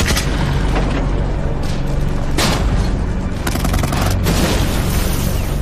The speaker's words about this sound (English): As the Germans come into view from the south, the British open fire. Explosions reverberate around them from German tanks and self-propelled guns in the distance.